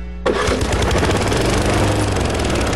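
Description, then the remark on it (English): An old push lawn mower's engine starts abruptly and keeps running loud while being pushed around a yard, a steady rough drone with rapid low chugging throughout. “Why are you still pushing that old mower around the yard?”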